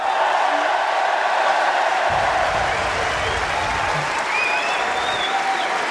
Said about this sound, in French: Allez, le public qui l'applaudit, attention.